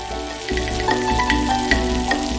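Green Sichuan peppercorns sizzle in rapeseed oil heated to about 'thirty percent hot' in a wok, with minced mature ginger stir-fried for aroma. A steady crackle and hiss runs the whole time, with a few louder pops and a sustained tonal hum underneath.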